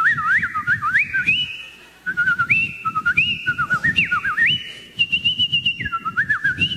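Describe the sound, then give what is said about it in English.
A person whistles a bright, warbling imitation of birdsong, with quick rising and falling trills repeated over several seconds, fairly loud, with no talking. “I'm laying in bed and all I can hear out in the garden is the merry song of every bird in the bird kingdom.”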